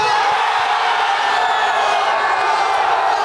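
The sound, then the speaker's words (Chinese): A huge stadium crowd roars in ecstatic cheering after a record fourth United States goal against Paraguay, a dense, loud, unbroken wall of voices and whoops that holds steady for the whole few seconds without a pause. “随后吉奥雷纳创纪录的第四个美国队进球，让全场观众陷入狂喜之中。”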